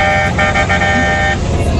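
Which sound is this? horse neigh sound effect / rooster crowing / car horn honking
car horn honking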